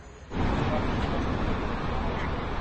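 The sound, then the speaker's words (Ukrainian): Evening traffic with buses at a busy, crowded intersection, a steady, fairly loud roar of engines and road noise that swells in after a brief quieter moment and holds continuously throughout. “Ось, власне, маршрутка, в яку влучило FPV, і ми бачимо, що це доволі велелюдне перехрестя, тут і мужчини, і людей багато, навіть зараз, увечері, продовжують рух автобуси.”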